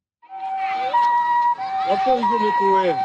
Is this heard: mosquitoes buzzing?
no